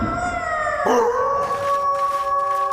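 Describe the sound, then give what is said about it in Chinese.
Several wolves in a canyon howl together in long, overlapping, sustained tones, one voice swooping briefly before the chorus settles into steady high-pitched wails. The howling stays loud throughout, with no talking. “糟糕，好像又有狼来”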